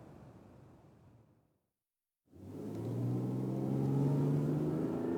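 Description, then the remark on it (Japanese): A car engine rumbles low, drops out for a moment, then returns louder with a rising, droning whine as the vehicle picks up speed, steady and with no voices, while a man drives the car. “車を運転しながら悟は母節子のことを思い出していた。”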